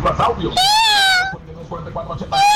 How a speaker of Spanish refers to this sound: Ese podría ser, güey, pero es que como un gato también, ¿no, güey? Sí, este es un gato, no me gusta tanto.